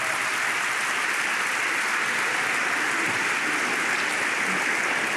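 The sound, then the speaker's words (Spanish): A church audience claps hands for the Lord in a steady, dense wash of applause that holds at an even loudness for about five seconds, with no voices standing out above it. “Dele palmas al Señor.”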